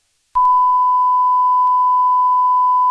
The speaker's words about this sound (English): That's a lot right there. It's a lot of beeping.